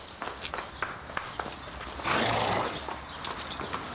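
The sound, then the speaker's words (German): A horse snorts and neighs while hooves shuffle and clop on the ground, with a broad breathy blast in the middle amid scattered stamping sounds; one of the horses is going after a tranquilizer syringe. “Eines der Pferde ist scharf auf die Betäubungsspritze.”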